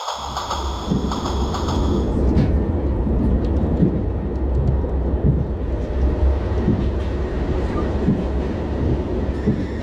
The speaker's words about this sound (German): Ich sitze wieder einmal im Zug von Frankfurt nach Augsburg.